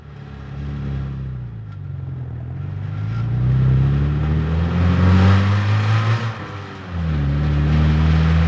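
A car engine drones and climbs in pitch as the vehicle speeds up, briefly dropping as it shifts gear near the end before surging again, loud and steady with no talking.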